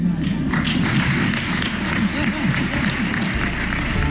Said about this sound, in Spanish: Dicho esto, confirma que habrá presentación de presupuestos y ganas de presentarse y seguir gobernando otros 4 años, pero sin la cerrada ovación de otras ocasiones, o al menos así sonaba.